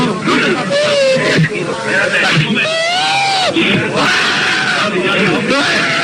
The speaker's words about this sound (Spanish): Y está llorando.